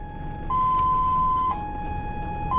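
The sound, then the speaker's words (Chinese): An ambulance siren sounds loud, switching between a high and a low tone about once a second, over a low rumble of road traffic, as the ambulance transports an organ and other vehicles make way for it. “但是在运输过程中， 一旦发现身后的救护车，很多社会车辆会马上做出反应，尽量避开车身，为救护车让道。”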